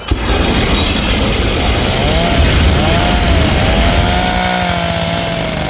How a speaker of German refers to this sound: Alles stinkt nach Essig und verbranntem Pflanzenmaterial und überall schrebbeln Hochdruckreiniger und Rasenmäher in den Gärten.